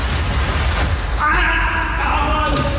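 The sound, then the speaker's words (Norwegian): A loud, sustained human scream breaks out partway through and holds until the end, rising over a constant low rumbling, noisy background. “Det skriket der var jo helt forferdelig.”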